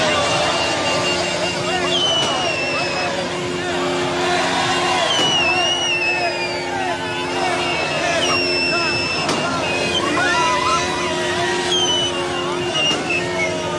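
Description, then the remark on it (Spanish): A loud, dense crowd celebrating a result at a roundabout on Avenida Cuauhtémoc shouts, chants and cheers continuously while passing drivers blare car horns steadily, with shrill whistles and passing engines mixed into the festive din. “Durante varios minutos, la zona se llenó de cánticos, porras y gritos, mientras automovilistas hacían sonar el claxon al pasar por el lugar, uniéndose a la celebración que convirtió la glorieta en un mar de colores verde, blanco y rojo.”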